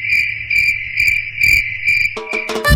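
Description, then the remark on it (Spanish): A cricket chirps in a steady, rhythmic pulse, five quick bursts over a constant high trill, loud, then a short burst of bright electronic musical tones, the ident of the radio station El Grillo, closes it out. “El Grillo suena y entretiene.”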